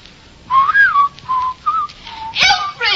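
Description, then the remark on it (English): Someone whistles a short, wavering tune, a few sliding notes broken by brief pauses, ending with a sharper burst of noise. “Shan't whistle. Go outdoors and whistle in the street.”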